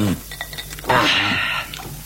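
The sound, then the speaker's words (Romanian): Cold spring water is poured for guests in a short, steady splash lasting under a second, a bright rush with a faint rising gurgle, set against quiet background noise and a few soft thuds. “să cinstim oamenii cu apă rece de izvor”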